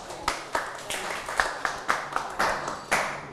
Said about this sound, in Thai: นะครับเยี่ยมมากปรบมือให้กับเพื่อนหน่อย